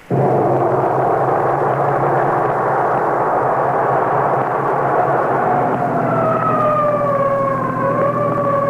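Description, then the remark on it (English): A fire engine siren wails loud for the whole stretch, holding a steady tone before its pitch begins to slide and waver toward the end, over a low engine rumble. “The alarm's at Pine Street, isn't it? Oh, yes, of course. So why the siren?”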